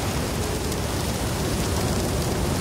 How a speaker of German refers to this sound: Der Regen. Da ist er wieder.